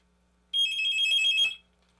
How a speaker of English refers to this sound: And I'm going to stop right there because we're going to try to take this phone call. I think this is the same fella.